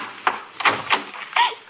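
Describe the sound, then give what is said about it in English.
A door bangs shut amid a short burst of knocking, clattering impacts: four or so sharp hits at uneven intervals over under two seconds, moderately loud, with no one speaking. “The night I heard the door slam.”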